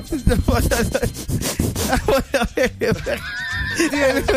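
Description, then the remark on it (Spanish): A person imitates a dog sniffing with rapid, breathy snuffling bursts, then breaks into a higher, voiced whinny-like sound near the end. “Ya lo termino de olfatear otro poquito, jefe.”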